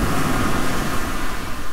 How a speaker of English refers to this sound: Yeah, that water sounds like a good place to be on this warming weekend.